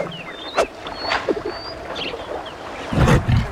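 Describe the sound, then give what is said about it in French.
A large lion with a golden coat and a mane, lying in the shade of a tree, gives a low, rumbling growl near the end, following a few brief rustling bursts, with thin bird chirps in the background of an outdoor scene. “C'est un grand lion majestueux.”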